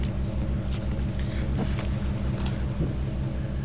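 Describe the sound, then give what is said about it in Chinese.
A refrigerator that is being repaired gives off a steady, loud low droning hum with a rough buzzing edge, broken now and then by a few faint clicks and rattles, like a malfunctioning motor. “这冰箱怎么这动静？是不是坏了？”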